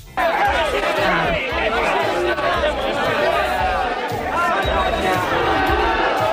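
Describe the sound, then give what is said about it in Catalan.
A large crowd at a public ceremony presided over by mayor Jaume Collboni shouts protest chants against Vox, loudly and continuously, many overlapping voices merging into a dense roar of chanting and yelling that holds steady without pause. “Podem escoltar el tall dels crits contra Vox?”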